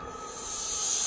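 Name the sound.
snakes hissing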